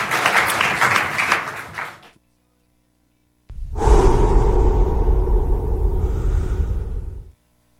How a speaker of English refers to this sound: Let's give them a huge round of applause for being brave.